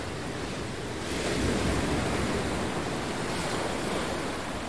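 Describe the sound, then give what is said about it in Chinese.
Ocean waves wash steadily against the shore in a continuous broad roar, swelling slightly louder after the first second and then holding steady, with no voices present. “我还是第一次见到大海，真的很美。”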